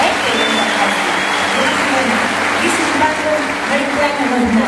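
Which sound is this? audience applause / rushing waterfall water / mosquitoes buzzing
audience applause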